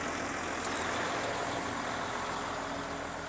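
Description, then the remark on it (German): A truck loaded with fine playground sand for elephants idles steadily, a continuous low rumble with a faint hiss over it, unchanging in loudness throughout and with no voices present. “Und was ist da genau drauf auf dem LKW?”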